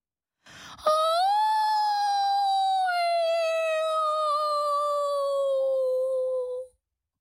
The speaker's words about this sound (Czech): A za chvilku něco zakvílelo.